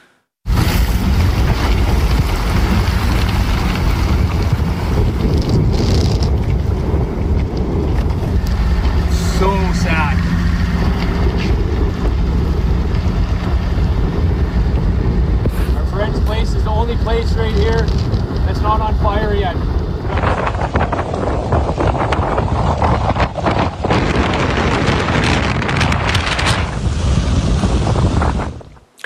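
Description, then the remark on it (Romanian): Strong wind gusts of about 80 km/h, fanning a huge wildfire in southwestern Canada, roar and buffet the microphone in a loud, continuous rush, with faint, indistinct voices surfacing now and then beneath the blustery noise. “Dezastru în sud-vestul Canadei, unde flăcările uriașe au dus la evacuarea a mii de oameni, alimentat de rafalele de vânt de 80 de km pe oră.”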